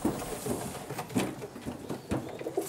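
Pigeons coo in a low, soft, overlapping murmur, with a few sharper flutters and taps mixed in, steady and moderately quiet throughout.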